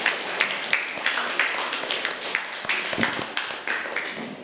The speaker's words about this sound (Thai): อ่ะปรบมือให้เพื่อนกลุ่มที่5หน่อยค่ะ